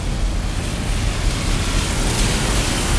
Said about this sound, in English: And yeah, after weeks and weeks of historic dry summer, the rain is falling now.